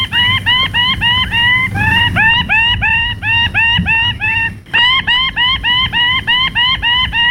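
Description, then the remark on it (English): A male bird with ruby plumes shrieks while dancing on a tree branch in courtship display, throwing his plumes above his head, in a loud, rapid, unbroken series of harsh rising calls, several per second, pausing only briefly midway before continuing, with a low rumble underneath. “In a frenzy of excitement, he threw his ruby plumes above his head, shrieking with excitement.”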